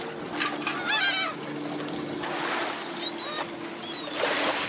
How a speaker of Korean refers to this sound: 이 갈매기가 많이 모여드네. 먹이 찾아오네, 먹이 찾아. 쪼 먹으려고.